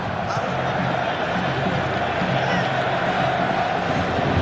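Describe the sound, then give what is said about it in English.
A stadium crowd at a World Cup match roars in celebration after a towering header goal, a dense, steady wall of cheering that stays loud and unbroken for the whole few seconds. “The crowd erupts.”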